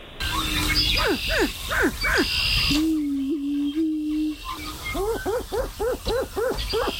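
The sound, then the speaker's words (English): Greater prairie chicken mating calls: a run of sharp, swooping yelps and cackles, then a low, steady hollow boom, then another rapid burst of yelping notes, with no voices. “your best darn version of a Greater Prairie Chicken mating call”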